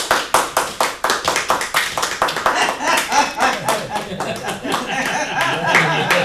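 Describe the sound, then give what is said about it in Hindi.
A crowd of children, old people, men and women claps along in a steady rhythm, laughing, to a frenzied man's off-key singing and dancing: sharp distinct beats at first that grow into dense, overlapping applause, with faint laughter and voices mixed underneath. “उसके कंसुरे गायन पर बाल वृद्ध नर नारी हंसते हुए तालियां बजा रहे थे।”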